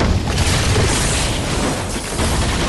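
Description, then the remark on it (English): A firework dragon chomps at Umbridge and explodes loudly into streamers of sparks, a continuous roar of crackling over a deep, rumbling low end, staying dense and steady for nearly three seconds with no voices. “the dragon chomps her and explodes into streamers of sparks.”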